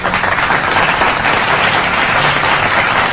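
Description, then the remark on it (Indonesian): A crowd applauds steadily for about three seconds, a dense, even wash of many hands clapping at full loudness with no voices over it. “Tepuk tangan.”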